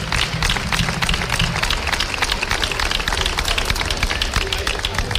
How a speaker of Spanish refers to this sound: Yo pido un aplauso fuerte para estas niñas y para estos niños y para sus padres y sus madres que nos sufren a nosotros durante un año entero.